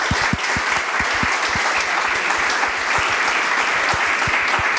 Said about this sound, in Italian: Io vorrei fare un grande applauso a loro.